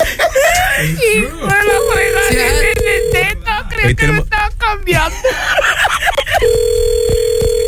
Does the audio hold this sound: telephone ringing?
yes